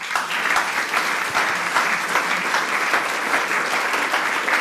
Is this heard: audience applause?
yes